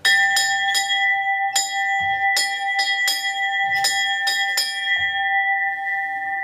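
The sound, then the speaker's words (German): A large cowbell, a homecoming bell used when the cattle come home from the alpine pasture, at the valley museum in Hüttschlag, Salzburg, clangs about ten times in an uneven, swinging rhythm, loud, its metallic tone ringing on between strikes before fading out at the end. No voices. “Und da ist die Heimfahrglocken. Sollte das einmal leiten?”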